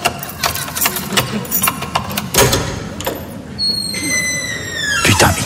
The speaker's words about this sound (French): Bon, attends, je vais ouvrir, j'ai mes clés, elle doit être sous la douche, elle doit pas entendre, je pense.